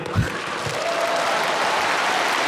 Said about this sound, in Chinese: 咱们给海璐姐鼓鼓掌。